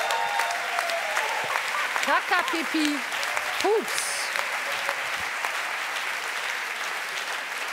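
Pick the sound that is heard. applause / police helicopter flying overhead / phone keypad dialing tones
applause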